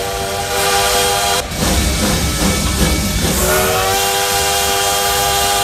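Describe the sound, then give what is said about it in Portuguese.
A train horn sound effect blares in sustained tones over the rumble of a passing train, the horn cutting out briefly and returning with a slightly shifted pitch as the train rolls by. “Conta pra gente aqui, chega mais, ó, o Modão da Paz tá começando e o trem bala já aquecendo aqui, ó.”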